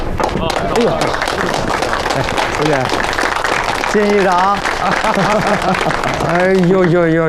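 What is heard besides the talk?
audience applause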